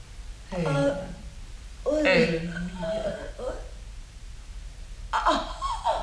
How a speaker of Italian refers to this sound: Non si lamenta più. Stenta a respirare. Proviamo con l'ossigeno.